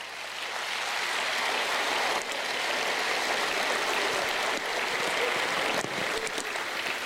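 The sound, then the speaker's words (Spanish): An audience applauds in a steady, dense wash of clapping that holds at an even, fairly loud level for about seven seconds, with no voices heard over it. “Fuerte el aplauso para las madres de antes.”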